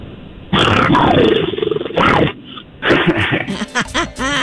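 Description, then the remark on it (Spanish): A person imitates a short growl, a few rough, throaty bursts with brief pauses between them, loud over a thin, telephone-like line. “Ahí le va un gruñidito más.”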